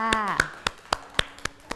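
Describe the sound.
Children clap their hands together in a steady, even rhythm, about seven crisp claps in a row, with a short stretch of voice at the very start.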